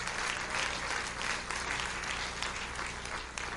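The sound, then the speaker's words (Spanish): An audience applauds steadily, a dense wash of many hands clapping at an even loudness for several seconds with no voices standing out. “Si ese aplauso es para él, dáselo fuerte, hermano.”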